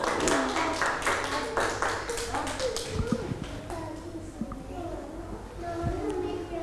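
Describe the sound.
A group of children in a class clap their hands in a quick, uneven patter for a few seconds for a classmate showing a modeling-clay zoo with a giraffe, then the applause fades as children's voices chatter in the background.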